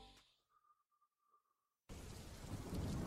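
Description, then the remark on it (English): A soft, wavering tone fades out into silence, then heavy rain with rumbling thunder bursts in suddenly and loudly, building slightly through the final second. “Oh no, it's raining!”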